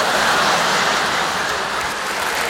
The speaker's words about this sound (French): Je vais pour sortir. Je tire la chasse d'eau et là... La cacatastrophe. La crotte rebelle.